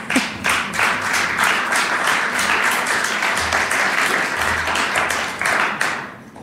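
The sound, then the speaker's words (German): Steady applause from an audience, dense overlapping claps sustained for several seconds before tapering off at the end. “Es darf jederzeit übrigens geklatscht werden.”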